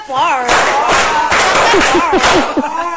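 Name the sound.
group clapping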